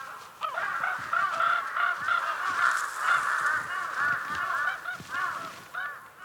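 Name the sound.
large-billed crows calling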